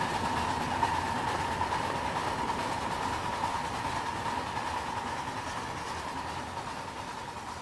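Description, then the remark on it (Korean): A train rolls along railway tracks with a steady, continuous rumble and hiss, fairly loud, holding an even level throughout without any voices. “어린 시절 그는 프라하 근교에 막 깔리기 시작한 철길로 나가 놀며 그 위로 증기기관차가 내달리는 모습에 매료되었다.”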